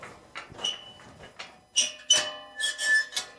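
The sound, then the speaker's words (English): A gate into a sheep field creaks open with a series of high, squealing hinge squeaks, several short bursts in an uneven rhythm, fairly loud, with no talking. “So we're turning right now through this gate and into the sheep field.”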